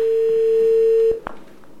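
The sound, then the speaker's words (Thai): A vintage telephone, rented from a museum, gives a steady, single-pitched line tone that hums clearly for about a second, then cuts off abruptly, followed by a couple of sharp clicks and quiet line noise. “ชอบคนโทรศัพท์อะ วินเทจไหม แบบพิวใจนะ นี่จริงๆอยู่ในพิพิธภัณฑ์นะนี่คือเราเช่ามา”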